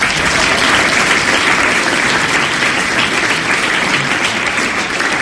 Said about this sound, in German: Einen herzlichen Applaus für Julius Fischer.